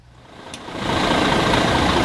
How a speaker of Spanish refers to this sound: Este que escuchan es el motor del autobús del Real Zaragoza en su llegada ayer, en ese día 1 de pretemporada en Voltaña, diario de pretemporada.